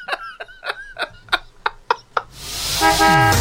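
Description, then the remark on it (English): A short Harbour Radio traffic and travel jingle, played from a cart, of eight quick, evenly spaced car horn toots, followed by a loud whooshing swell of traffic noise with a sustained honk. No one speaks. “So the cart that the traffic and travel is playing in, mm-hmm.”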